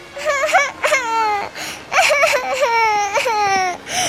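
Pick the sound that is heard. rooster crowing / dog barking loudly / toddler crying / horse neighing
toddler crying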